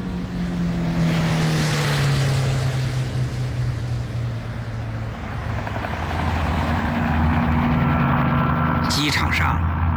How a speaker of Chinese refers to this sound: 驾驶员问也不问，默契地发动车子，飞速朝着明故宫机场驶去。